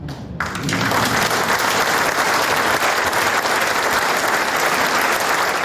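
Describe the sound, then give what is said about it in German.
A full audience of mostly older people, in a hall filled to the last seat, breaks into relieved, sustained applause after a brief quiet moment during a police talk on phone scams, a dense, steady roar of clapping hands that stays loud and even throughout. “Und hörbar erleichtert sind auch Zuschauerinnen und Zuschauer.”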